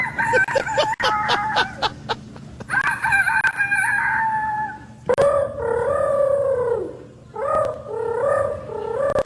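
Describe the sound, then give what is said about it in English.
Young contestants in a youth rooster crowing contest at the Iowa State Fair imitate a rooster crowing several times in a row, the third-place, second-place and grand champion entries: loud, drawn-out cock-a-doodle-doo calls with rising and falling pitch, each followed by another in quick succession. “That is the third place, second place, and grand champion youth rooster crowing contest that happened at the Iowa State Fair this week.”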